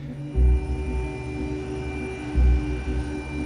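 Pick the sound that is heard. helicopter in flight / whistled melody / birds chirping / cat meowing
helicopter in flight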